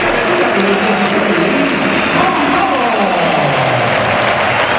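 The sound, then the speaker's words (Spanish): A big crowd at the Bernabéu stadium applauds steadily as Gonzalo is substituted off in the 69th minute for Mbappé, a dense, continuous roar of clapping and cheering that stays loud throughout without letting up. “Es la salida de Gonzalo con estos aplausos.”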